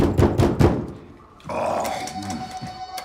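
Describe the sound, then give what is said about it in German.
Three heavy, rapid bangs strike the door of a flat in quick succession as it is being broken, then give way to a rough, sustained rumbling noise with a faint hum running through it. “Macht ja unsere Tür kaputt.”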